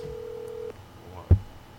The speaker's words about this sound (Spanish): Estamos aquí llamándolo. Vamos a ver si nos contesta el teléfono. Vamos a escuchar.